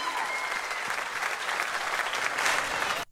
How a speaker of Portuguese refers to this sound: Obrigado, gente. Uma salva de palmas, meninas e amigos.